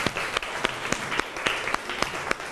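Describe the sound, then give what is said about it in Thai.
A group of students in class claps for a classmate who answered a question, a steady patter of many hands with sharper individual claps popping out every fraction of a second, moderately loud, with no talking over it. “ครับขอเสียงปรบมือให้เพื่อนหน่อยครับ”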